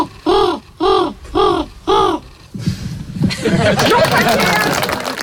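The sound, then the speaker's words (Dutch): A contestant from a world bird-whistling championship imitates a bird call with four evenly spaced, rising-and-falling hoots, clear, followed by an audience breaking into laughter and lively chatter. “We hebben hier een deelnemer WK Vogelfluit. Ik denk van een van de voorafgaande jaren. Laten we even luisteren.”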